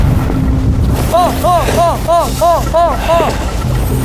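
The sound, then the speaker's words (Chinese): Strong wind roars and buffets against the microphone at sea amid big waves, a steady low rumble throughout, while a quick series of about seven short rising-and-falling calls sounds over it midway. “啊！这个风太大了， 风好大，能出去吗？”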